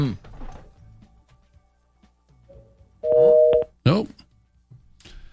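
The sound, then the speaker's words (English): A loud, steady telephone busy tone sounds once for under a second, clear, from a phone line that will not disconnect, with a person talking briefly before and after it. “Phone, quit it. No, I can't get released from that line.”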